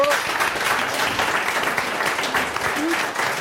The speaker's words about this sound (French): C'est une bonne réponse de notre invitée Isabelle Chasson, l'applaudit.